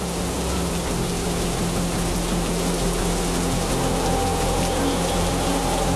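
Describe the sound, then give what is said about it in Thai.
Steady, dense rain hissing loudly and continuously, with a deep rumbling roar underneath of high storm-surge waves pounding the sea shore in strong wind. No voices are heard. “โอ้โหดูที่ทะเลสิคลื่นสูงมากลมแรงมากเลย ฝนเริ่มตกคลื่นกระทบฝั่งแรงแล้วก็สูงมากเลยนะ ไอ้แบบนี้เขาเรียกว่าคลื่นพายุซัดฝั่งน่ะ”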